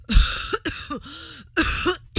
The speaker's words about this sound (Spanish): Yo también tengo tos. Mira, escucha.